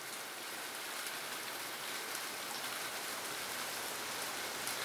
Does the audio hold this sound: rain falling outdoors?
yes